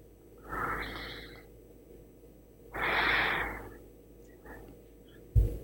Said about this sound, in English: My brother, you need to yawn 3 times for me right now.